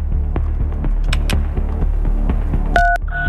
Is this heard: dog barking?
no